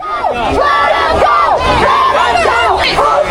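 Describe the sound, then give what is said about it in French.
A large crowd angrily chants « Cassez-vous d'ici ! » at about thirty agents trying to force a way through with chemical weapons during a raid on undocumented people, many raised voices shouting together in repeated, rising-and-falling phrases that stay loud and unbroken throughout. “Les personnes scandent « Cassez-vous d'ici !»”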